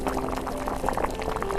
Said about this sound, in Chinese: 开水冲泡的茶汤洋溢金黄色的暖意